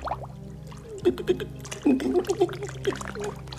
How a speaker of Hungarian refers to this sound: Mi ez? Nem ér le a lábam. Kezd el lepni a víz.